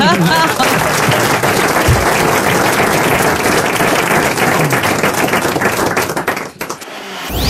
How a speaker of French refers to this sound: Ils applaudissent. Ils applaudissent. Ils applaudissent.